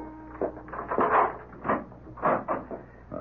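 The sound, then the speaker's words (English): A door is opened with a drawn-out, uneven creak of several squeaky pulses over a few seconds, heard alone without any talking. “I went to the door.”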